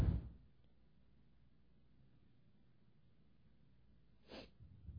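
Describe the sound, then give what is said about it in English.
A sharp, breathy intake of air, like a sneeze building up that never comes, stands out against quiet after a brief noisy burst at the start. “Sorry, I really thought I was going to sneeze there.”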